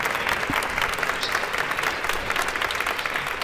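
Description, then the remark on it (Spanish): Steady applause from left-wing parliament deputies, including PSOE, in the outer atrium of the Parliament, ending a minute of silence; a dense, continuous patter of clapping at moderate volume with no speech over it. “Minuto de silencio por Mari Carmen, finalizado con aplausos de los diputados de la izquierda.”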